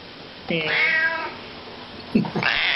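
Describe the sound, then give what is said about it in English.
A cat in a studio gives a long, drawn-out, wavering meow, clear and fairly loud, followed a moment later by a shorter, sharper burst of sound over a low steady background hum. “I have a horse in the studio and a cat.”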